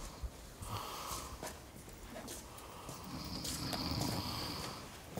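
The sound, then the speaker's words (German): A person snores with two drawn-out, rasping breaths, the second longer and stronger, amid soft background noise. No one speaks. “Ey, sonst kannst du doch gar nicht schlafen, so wie die Fotze da schnarcht.”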